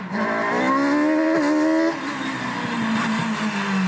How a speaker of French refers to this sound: Allez, c'est parti pour quelques tours sur ce circuit d'Andrézieux avec cette 306 Maxi et ses 300 chevaux aux roues avant.